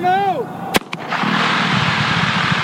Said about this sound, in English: To install one 6.5-mile pipeline, workmen set off a dynamite blast last week, breaking up rock that was in the way.